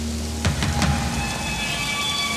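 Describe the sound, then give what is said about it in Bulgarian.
Steady rain hisses evenly throughout, with a few sharper drops or splashes near the start and a faint, constant low hum beneath the downpour. “Разбира се, че вали.”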